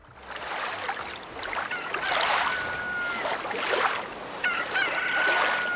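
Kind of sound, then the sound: bird, rooster crowing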